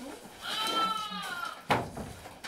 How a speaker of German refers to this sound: Schäfchen schreit schon, guck, hat schon Hunger.